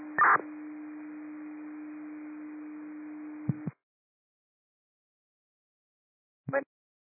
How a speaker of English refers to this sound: standby for tones, but you can disregard. There is some kind of CAD glitch.